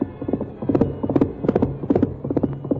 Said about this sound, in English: In spite of the rough ground where a misstep would have meant death for both horse and rider, Silver's hoofs beat out a savage tattoo.